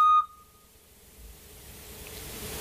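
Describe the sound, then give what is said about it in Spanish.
A Eurasian scops owl gives one short, pure whistled note, loud and clear at the very start, followed by a quiet stretch of faint background hiss. “Parece que se han dejado la alarma encendida. El autillo. Es el autillo.”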